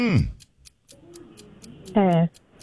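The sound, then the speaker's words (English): A quiz clock ticks steadily, with sharp, evenly spaced clicks about four per second, while a voice briefly sounds at the start and again near the end. “Start the clock.”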